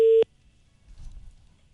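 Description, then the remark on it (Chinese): A loud, steady telephone ringback tone on an outgoing call to a 400 service number sounds briefly at the very start and cuts off abruptly, followed by faint low background rumble with no voices. “这电话是通的。”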